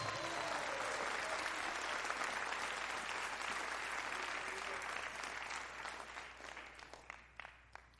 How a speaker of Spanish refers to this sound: ¿Alguien le puede dar un fuerte aplauso a Cristo en esta hora?